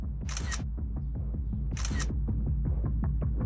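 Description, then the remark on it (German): Two crisp camera shutter clicks, a couple of seconds apart, from a drone camera taking photos from high in the air, sounding clearly over a steady, buzzing motor hum that runs throughout. “Ich kann auch ein paar Fotos machen aus der Höhe.”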